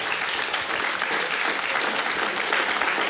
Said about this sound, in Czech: Jen ať tleskají, zasloužíte si to.